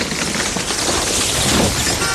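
A tree branch cracks and crashes down onto a car, a loud, dense burst of splintering and rattling noise that fills about two seconds without pause, with no voices.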